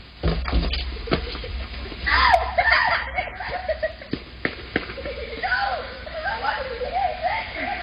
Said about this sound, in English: Wait, that one yell, is that you? No, it's kids. A group of kids.